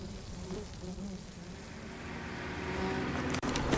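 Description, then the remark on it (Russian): A captured car's engine rumbles steadily and grows louder as it drives past a group of soldiers, then a brief sharp knock sounds just before the end as it stops. “Мимо группы солдат проезжает трофейный автомобиль. Останавливается.”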